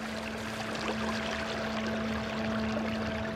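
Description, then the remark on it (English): Steady, continuous rush of flowing river water at a river's edge where ash trees grow under towering cottonwoods, even in loudness throughout, with a faint low hum running underneath and no voices. “At the river's edge, ash grow thick under towering cottonwoods.”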